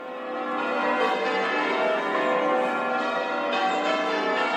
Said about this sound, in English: The bells of St Mary's Cathedral, ringing for the installation of the new Bishop of Edinburgh, the Right Reverend Dagmar Winter.